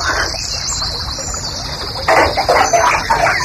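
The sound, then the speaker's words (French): Water draining from a bathtub: a steady trickle that turns into louder, bubbling gurgles partway through, with a faint high whine running over it and no voices. “Ah, tu vides ta baignoire là?”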